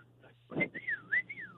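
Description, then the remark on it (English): A short human whistle of the kind used to call a dog, its pitch swooping up and down a few times in quick succession, fairly loud after a brief breathy puff. “he does this stupid little whistle in the middle of the store and expects me to answer him”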